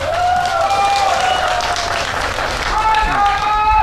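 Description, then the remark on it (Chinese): A large indoor crowd at a badminton doubles match applauds the players steadily for several seconds, a dense, sustained wash of clapping with a voice faintly audible over the top. “我们请首先把我们的掌声送给我们的双双运动员。”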